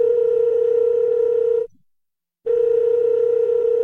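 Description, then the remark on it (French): A loud, steady telephone dial tone hums alone, cuts out for under a second of silence, then resumes just as before. No one speaks. It accompanies a telling of a musician's phone call to a pianist in spring 1963. “On est au printemps 63, le pianiste … a reçu un coup de téléphone de ….”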